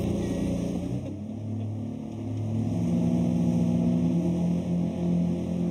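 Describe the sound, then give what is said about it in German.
The engine of a small motorboat carrying at most 12 passengers, the mail and passenger boat to the island of Birkholm, drones steadily on the water, its low hum shifting pitch slightly partway through as it keeps running without pause. “Jens ist in ganz Nordeuropa zu See gefahren, bevor er vor 2 Jahren dieses kleine Boot kaufte.”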